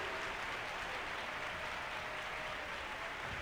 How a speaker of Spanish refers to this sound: Bien fuerte ese aplauso. Bien fuerte ese aplauso para el Rey.